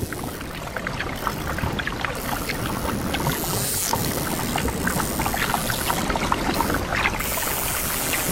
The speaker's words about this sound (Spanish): Aunque quizá voces no sea la palabra adecuada. Cerca de la costa navegan por medio de un sonar biológico las manadas de delfines mulares.